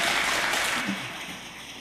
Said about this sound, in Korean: 우리 하나님 앞에 영광의 박수 올려드리겠습니다.